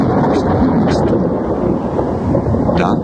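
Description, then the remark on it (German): A steady, heavy roar of thunder rumbles through a storm with brief flashes of lightning, loud and continuous, with wind buffeting and a wash of rain underneath and no voices. “Vielleicht hatte er sich getäuscht bei dem Lärm, den kurz aufzuckenden Schein der Blitze.”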